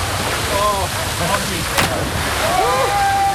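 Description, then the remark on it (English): Steady rushing water with a sudden splash near the middle as a cyclist jumps fully clothed into a fountain at Quinconces, while several voices shout and call out over the spray. “sauter dans la fontaine tout habillé”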